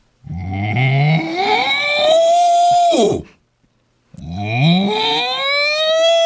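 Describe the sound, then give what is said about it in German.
A person imitates a cow with two long, loud, drawn-out moos, each rising in pitch and holding steady, separated by a brief pause of silence. “Ach so, wie macht denn eine Kuh?”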